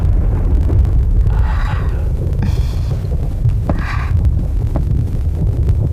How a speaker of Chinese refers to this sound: 天上打雷了，要下雨了，你要关好窗户，千万不要着凉啊。